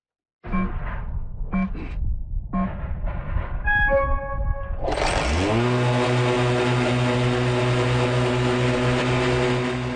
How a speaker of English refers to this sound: his new machine is an autonomous electric mower called the Burro Grande.